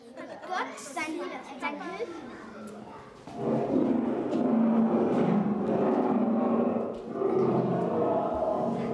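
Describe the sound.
Deep, rumbling lion roars from a lions' den sound installation in a children's exhibition swell loudly and continuously after a few seconds of children's voices.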